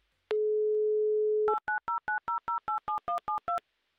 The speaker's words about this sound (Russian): Сейчас я буду набирать ваш номер.